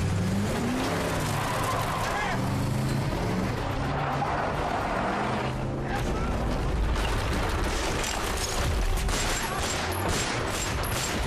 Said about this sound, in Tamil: பாரு, நாலஞ்சு கார் நம்ம கார பின்னாடி ஸ்பீடா ஃபாலோ பண்ணிட்டு வருது. அந்த கார் நம்மள இடிக்கிற மாதிரி வருது.